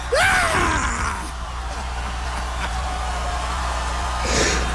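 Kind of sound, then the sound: human body sound, man's loud scream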